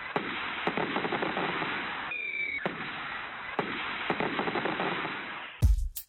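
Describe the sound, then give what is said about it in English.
Fireworks crackle in a dense, continuous barrage of sharp pops and sizzles, with a heavier, louder bang bursting out just before the end. No voices are heard. “Jake and John's discount fireworks superstores located in Friend and Melford, Nebraska.”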